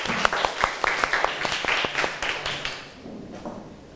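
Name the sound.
classroom applause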